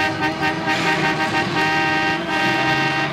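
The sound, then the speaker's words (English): Car horns blare almost continuously over busy city street traffic, several overlapping sustained honks sounding loud, with a steady rumble of vehicles underneath. “In the city, the Lord is my shepherd.”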